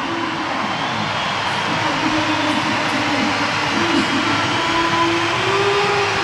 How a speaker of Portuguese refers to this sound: E o Ronaldo já tirou a braçadeira. Portanto, vai subir a placa, vai aparecer o número 7, a braçadeira vai para Bernardo Silva e o aplauso, vamos escutar o Municipal de Leiria.